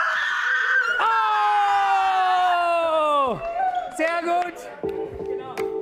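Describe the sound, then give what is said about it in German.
A loud, sustained scream holds a high pitch for about two seconds and then drops off sharply, followed by a few shorter, higher cries and some background commotion. “Jetzt ein Schrei.”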